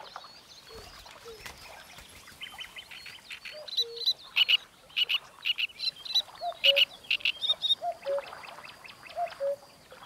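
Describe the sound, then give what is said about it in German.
A great reed warbler at its nest in the reeds gives loud, harsh, repeated chattering calls in rapid bursts, mixed with higher chirps and lower croaking notes, with other bird chatter in the background. “Dieser Drosselrohrsänger wird kein fremdes Ei ausbrüten.”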